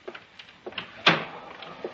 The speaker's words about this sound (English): Shut the door.